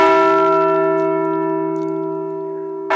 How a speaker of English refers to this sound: Governor Armstrong and State Historical Society Director Bill Peterson rang North Dakota's Liberty Bell replica at the State's Heritage Center in Bismarck. North Dakota received that bell in 1950.